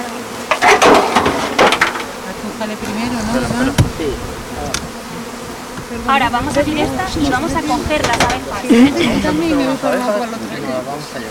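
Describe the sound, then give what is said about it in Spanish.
A dense, droning buzz of many honeybees at a hive being opened so the bees can be caught, wavering in pitch throughout, with occasional wooden knocks and clatter and some indistinct voices in the background. “Ahora vamos a abrir estas y vamos a coger las abejas.”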